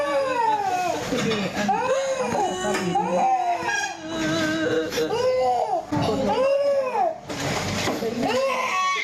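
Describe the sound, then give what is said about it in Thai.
A one-year-old child cries and wails loudly and continuously, with rising and falling sobbing bursts, after a nurse cutting gauze with scissors cut the child's finger, while an adult voice murmurs softly underneath and the mother whimpers. “เห็นแล้วก็สงสารเด็กนะครับแล้วนอกจากเสียงเด็กร้องแล้วเนี่ยถ้าคุณผู้ชมฟังดีๆจะมีเสียงฮือๆเสียงคุณแม ่ คุณแม่ก็เจ็บไปด้วย”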